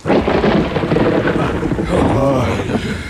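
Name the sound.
hailstorm with thunder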